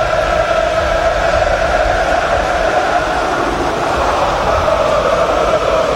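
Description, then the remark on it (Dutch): A massed crowd of Feyenoord football supporters sings a sustained chant for player Ueda, the voices blending into a loud, steady wall of sound with no pauses and no individual talking. “Ueda wordt toegezongen door het Feyenoord publiek.”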